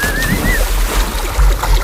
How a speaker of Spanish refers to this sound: ha dado un empujón traicionero a su suegra y la ha tirado al agua con el camisón y todo.